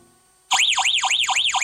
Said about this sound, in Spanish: Así suena tu alarma Verizon.